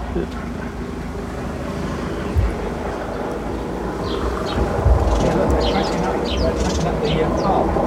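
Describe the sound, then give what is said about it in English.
A low helicopter drones directly over a house in a dense, steady rumble that swells slightly louder midway, with faint high chirps flickering above it. “It seems a bit disturbed by the helicopter.”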